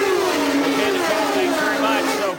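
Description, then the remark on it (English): Loud, continuous engine roar from racing cars on a pit lane during a race, with harmonic tones sliding in pitch as vehicles rev and pass, filling the scene with dense mechanical noise. “down there on what is a very noisy pit lane, and we are approaching the halfway point.”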